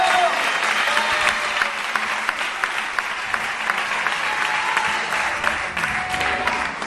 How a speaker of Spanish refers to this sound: Dele fuerte ese aplauso a él esta noche.